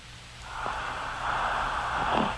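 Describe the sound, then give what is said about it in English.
A loud, rasping snore drags on for about two seconds, swelling in two rough, breathy waves over a faint low hum, with no talking. “Ooh, hell of a snore.”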